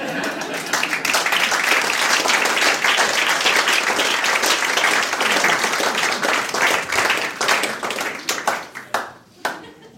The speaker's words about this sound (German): Wenn Sie nichts anderes zum Tun haben, können Sie an der Stelle mal klatschen.